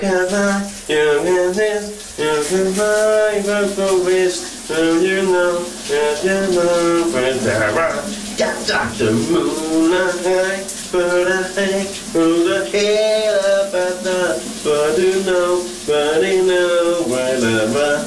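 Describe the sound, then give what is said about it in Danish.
A man sings a melodic tune, fairly loud, over the steady hiss of running shower water in a bathroom that continues unbroken beneath his voice throughout; he sings in the morning shower. “præsenterer dagens brusebad sit, sunget af”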